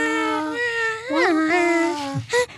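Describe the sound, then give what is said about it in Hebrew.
A recording of a child crying, made in a studio and used as the intro of a song: one drawn-out, wavering wail that bends up and down in pitch and ends in a short sob, loud, with no talking. “אני הקלטתי אותך, עושה, את יכולה מה עשית? יכולה לעשות את זה?”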